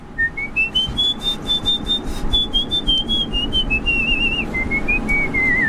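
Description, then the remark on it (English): A single high-pitched human whistle holds one long note for several seconds, sliding up at first, then wavering and slowly dropping in pitch over a steady low background rumble. “I can whistle really high just on.”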